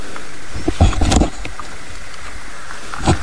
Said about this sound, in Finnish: kurnuttavaa ääntä. Joo, tuo taitaa olla rupisammakko omalla osuudella siellä. Kyllä, saadaan tähän luontoradio sopivasti täällä, kun ollaan mättähän takana piilossa. Onko todella komea kurnutus tällä hetkellä? Ja se on ainoa, mikä kuuluu.